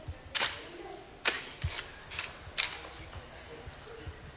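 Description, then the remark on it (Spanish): Five crisp camera shutter clicks snap off at uneven intervals, some in quick pairs, over a low, faint murmur of voices in the background. “Están hablando, continúan echando fotos.”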